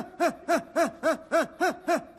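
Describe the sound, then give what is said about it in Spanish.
A person pants in quick, shallow, evenly spaced breaths, about eight short voiced huffs in two seconds, moderately loud, like a small dog panting, during a childbirth breathing and pushing exercise called 'small dog'. “¿Se acuerdan del ejercicio de perro grande, perro chico? Así, perro chico.”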